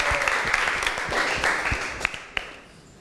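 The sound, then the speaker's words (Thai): A class applauds steadily for group 5 after their presentation on photosynthesis, a dense wash of many overlapping claps with a few sharper individual claps standing out, fading slightly toward the end. “ขอเสียงปรบมือให้กับเพื่อนกลุ่มที่5อีกครั้งหนึ่งนั่นเองนะคะ”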